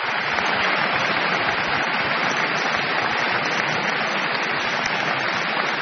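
A concert audience at Radio France applauds the Italian pianist Beatrice Arana at the end of her recital, part of her 2024-2025 season residency. The applause is steady and warm, a dense, continuous wash of many hands clapping at once with no gaps, holding an even loudness from start to finish.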